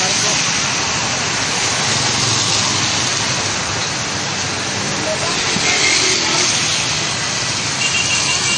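A waterspout in Lapu-Lapu roars steadily over the sea as it sucks up seawater, a loud, unbroken wall of rushing wind and churning noise that fills the whole stretch without letting up, with faint indistinct voices buried underneath.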